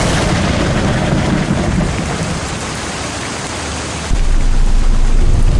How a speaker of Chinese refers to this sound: 赶紧下来吧，打雷了，赶紧下来。